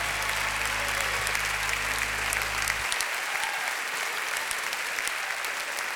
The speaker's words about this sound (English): Come on, give God a hand clap of praise tonight.